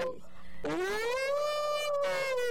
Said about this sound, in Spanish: Ya cantó el gallo, cállate.